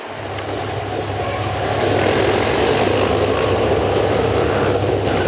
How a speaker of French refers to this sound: Oui, attention, la moto qui doit prendre du champ.